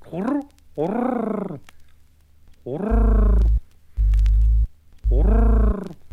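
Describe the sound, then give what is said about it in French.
A human voice imitates a pigeon's cooing in low, warbling bursts, three rising-and-falling coos separated by pauses, with a deep buzzing hum pulsing underneath. “Faites donc le pigeon jusqu'à ce que sa pupille diaphragme de satisfaction.”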